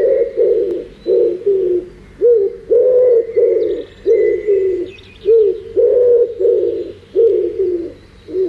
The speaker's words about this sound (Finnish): Siinä oli sepelkyyhky.